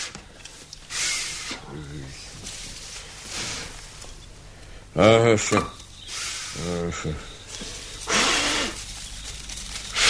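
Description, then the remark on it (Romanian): A campfire is lit from kindling twigs and its flames grow big, with bursts of breathy hissing and rushing flame noise rising and falling, while a man talks over it at times. “Ha, uite ce flăcări mari s-au întețit.”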